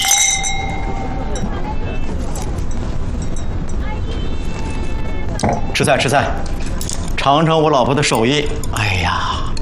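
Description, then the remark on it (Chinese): Glasses clink together in a toast at a home meal welcoming guests near the start, leaving a bright ringing tone that lingers for a moment, followed by several people talking and chattering. “来，我们欢迎兄弟、欢迎弟妹到我们家做客。 干杯。”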